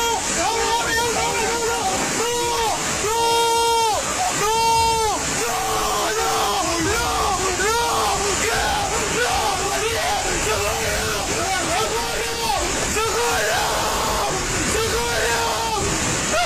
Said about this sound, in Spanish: Estos son los gritos de desesperación y angustia de alguien que en cuestión de segundos acaba de perderlo todo.